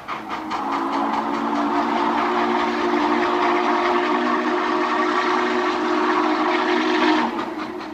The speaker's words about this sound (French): Et oui, voilà, le bruit du cheval de fer, tel que les appelaient les Indiens de toutes les tribus possibles, hein, le cheval de fer. Cet objet qui était tout noir, qui faisait de la fumée, qui faisait du bruit, qui roulait pas très vite au début,